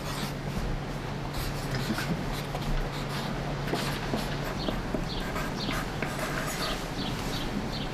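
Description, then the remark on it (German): A pen scratches steadily across a small card as someone notes something down, short strokes, a quiet dry scribbling that continues for several seconds with no one talking, over a low background hum. “Du kriegst ja auch ein Kärtchen. Notier das mal.”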